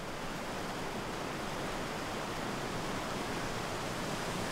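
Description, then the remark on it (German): A steady, dense roar of rushing water fills the whole clip, a broad hiss without pauses or distinct splashes, as the Weißbach, carrying a great deal of water, churns through its gorge during a canyoning tour. No voices. “Seit 12.000 Jahren frisst sich dieses Wasser da durch diese Schlucht. Also ist echt extrem viel Wasser drinnen.”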